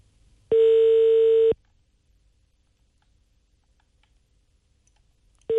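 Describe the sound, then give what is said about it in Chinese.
A telephone ringback tone sounds as a call to the legal affairs office connects on a Hebei Traffic Radio program: one steady, clear electronic tone lasting about a second, a long silent gap, then the next tone beginning. No one speaks. “我们看一下咱们法制处有没有人接电话咨询一下。您好，嗯。正在接通。”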